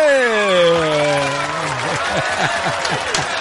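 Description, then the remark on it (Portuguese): A crowd applauds steadily throughout, partly masked by a loud voice that holds a long falling tone and then breaks into quick rhythmic vocal pulses over the clapping. “mais aplausos aí.”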